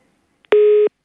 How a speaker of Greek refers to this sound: Έκλεισε και το τηλέφωνο. Ωραία.